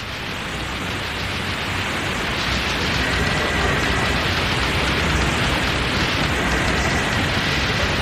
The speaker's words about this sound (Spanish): El programa llegó al fin, se escucharon las últimas palabras a las 23:59 y a las 0 hora del sábado, 12 de marzo de 1994, quedó al aire de La Tribu un ruido blanco, un ruido shh, un ruido molesto, así como una interferencia.